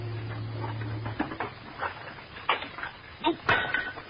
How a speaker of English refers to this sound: You needn't have washed the dishes.